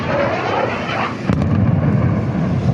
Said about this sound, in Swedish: Ljudet av explosioner blandas med vågornas brus i staden, som annars är känd för sina långa sandstränder.